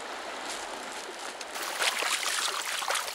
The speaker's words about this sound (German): Winzige Rinnsale werden zu kleinen Sturzbächen. Aus vorher klaren Quellen ergießen sich plötzlich Ströme einer schmutzig-braunen Brühe in den Bach und lassen seine Fluten anschwellen.